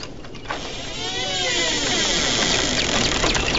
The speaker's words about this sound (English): Sam stares at the bizarre garden as a shed door squeaks open.